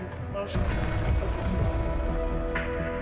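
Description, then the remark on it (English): Steady rain patters on a hard surface, a dense continuous hiss of drops lasting throughout, with faint muffled voices mixed in underneath. “Well, it's currently raining, so.”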